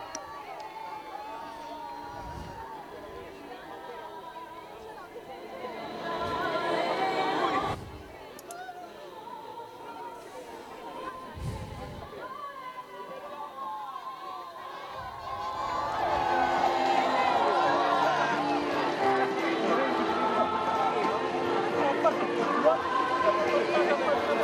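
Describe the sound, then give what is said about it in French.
Dense crowd chatter and babble as Pope Leo rides through the crowd in the popemobile on Lampedusa, blessing children brought before him; scattered calls and cheers rise louder in the second half, a broad hubbub of many voices. “Terme de cette promenade au milieu de la foule en Papa Mobile.”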